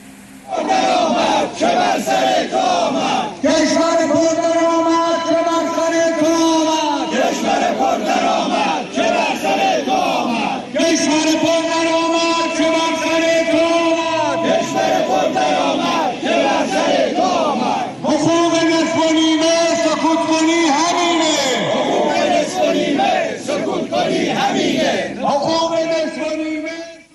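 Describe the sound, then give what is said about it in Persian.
A crowd of shopkeepers from Jannat Bazaar in Tehran chants the slogan "defrauded one, shout, cry out for your right" in unison, loud rhythmic phrases repeated in several bursts with brief pauses, many voices shouting together, at a protest on Saturday 9 Khordad in front of Tehran City Council against the seizure of their assets. “این شعار جمعی از کسبه بازار جنت در تهران بود که علیه غارت دارایی‌هاشون توسط حاکمیت آخوندی روز شنبه 9 خرداد در مقابل شورای قلابی شهر تهران تجمع اعتراضی برگزار کردند.”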